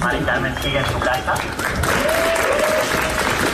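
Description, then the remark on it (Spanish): A large crowd at a street protest encampment in Madrid claps and applauds steadily for several seconds after a manifesto is read, a dense, continuous wash of hand claps with scattered voices and shouts mixed in, outdoors. “Los aplausos de la gente.”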